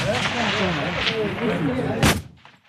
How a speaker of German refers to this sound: Ein Gebäude weiter, ein paar Meter nebendran, im grossen Schiessstand. 300 Meter für Gewehr. Da ist viel los und viel lauter.